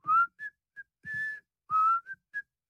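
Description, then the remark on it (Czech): A man whistles a short, lilting tune while running down the stairs to a cellar, with several bright phrases sliding up and down, separated by brief pauses; soft low thumps accompany some notes. “Seběhl po schodech do sklepa a cestou si pískal.”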